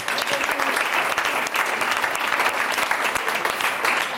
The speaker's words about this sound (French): Ça fait deux fois que monsieur répond à un bonus cette semaine. On peut l'applaudir. Bravo.